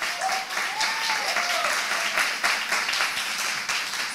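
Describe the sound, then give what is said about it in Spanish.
An audience applauds in response to a preacher's call to clap if they believe the preached word, a dense, steady wash of many hands clapping that stays loud for the full four seconds, with a few faint voices calling out above it. “Si usted crea esta palabra, aplauda.”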